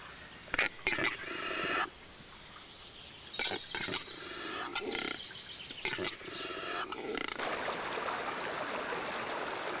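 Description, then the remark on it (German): A few harsh, rasping animal calls come in bursts, then give way to the steady rush of a spring-fed mountain brook in the Harz, Germany, tumbling over small waterfalls down into the valley, continuous and fairly loud. “Der Quellbach stürzt über kleine Wasserfälle zu Tal.”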